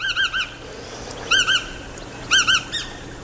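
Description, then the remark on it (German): A long-billed wader, with a slightly upturned bill, dark and light grey upperparts, white belly and long legs, a bit larger than a blackbird, calls in three bursts of sharp, ringing notes, mostly in quick triplets, clear over a faint background hush, with no talking. “Und dann hat sie so einen langen Schnabel, der so leicht nach oben gebogen ist und ist wahrscheinlich ein bisschen größer als eine Amsel, also jetzt so was den Körper angeht.”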